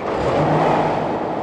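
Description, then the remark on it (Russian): A car approaches fast, its engine roaring loudly and revving hard in a steady, continuous rush of noise with no voices over it. “Стой, я говорю! Ой, тормози!”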